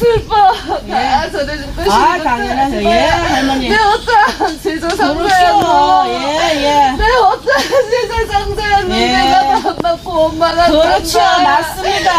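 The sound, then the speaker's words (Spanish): A Korean shamanic gut ritual: a wavering, sobbing vocal line rises and falls continuously over bright jingling bells, loud throughout. “Te he traído un fragmento muy pequeñito para que os pongáis un poco en ambiente de qué es lo que suena y cómo se produce este ritual, y se llama GUT.”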